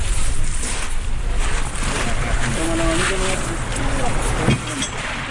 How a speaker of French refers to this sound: Voilà. On monte dans le bateau.